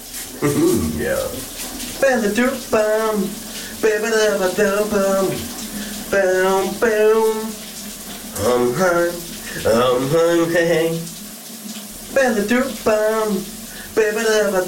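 Steady hiss of running shower water in a colleague's shower continues throughout while a man sings and hums a melody loudly over it in short phrases.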